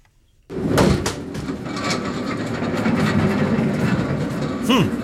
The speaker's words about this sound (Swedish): Det här är ett lager. Ja, det är lite surr och det är lite vagnar som rullar. Ja, annars är det ganska stillsamt. Nästan lite tyst och tråkigt.